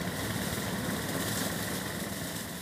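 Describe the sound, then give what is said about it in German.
The small engine of a homemade lawnmower runs steadily with a dense, rattling drone and constant vibration, fairly loud, with no pauses or voices, as it does the fine cutting of grass along a 25-kilometre route from Zeven to Wildstedt. “Den Feinschnitt übernimmt Aschermanns Rasenmäher-Erfindung.”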